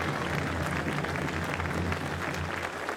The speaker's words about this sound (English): We began, and let's give her applause. She said beautiful words.